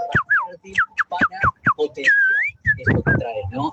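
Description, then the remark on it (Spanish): A person whistles an imitation of a female canary in heat: a quick run of high, chirpy descending whistle notes, then a long wavering tone, followed by a few rougher, throatier chirps. “Ese es un canario hembra en celos.”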